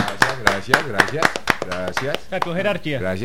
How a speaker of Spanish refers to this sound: Un momento, un aplauso porque le ganaron al gran Orso Marzo.